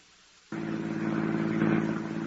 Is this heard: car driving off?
yes